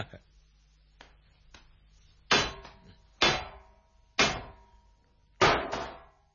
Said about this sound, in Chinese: 嗰度又细又矮嘅门，梗系俾人出入嘅监牢定。仲用绳绑住个门铃，如果有人想入去，就要拉响个门铃通知入边嘅狱卒至得嘅。呢度有嚿石头，同佢执起佢嚟敲门先。